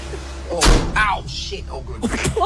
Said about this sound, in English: Also, how old was that door? It sounded like you were closing the 1800s there. No, it actually is.